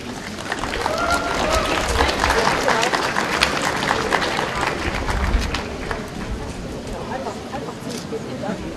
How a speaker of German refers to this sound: Das in ganz unterschiedlicher Art und Weise und ich denke, Sie dürfen dann nochmal klatschen.